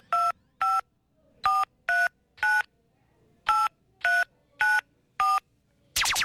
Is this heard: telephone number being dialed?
yes